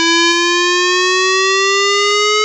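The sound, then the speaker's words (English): A loud, steady outdoor warning siren, sounded in a live test in the Red Lynch Valley, Brinsmead and Freshwater areas of Cairns, wails continuously, its tone rising very slowly in pitch over a couple of seconds with rich harmonics, sounding alone with no voices. “Live testing of outdoor warning sirens in the Red Lynch Valley, Brinsmead and Freshwater areas will take place today”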